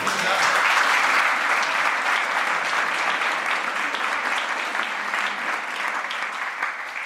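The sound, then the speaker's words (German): Sustained audience applause for author Heinz Strunk at the Bremer Literaturpreis award, a dense, steady wash of many hands clapping at an even loudness for several seconds, with no voices over it. “Sie kriegen jetzt einfach noch mal einen Applaus.”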